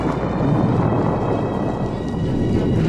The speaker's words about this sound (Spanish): Cuando los criminales lo buscan en la barranca donde lo habían dejado creyéndolo muerto, el hombre increíble provoca una explosión e incendio en una de las bodegas del refugio.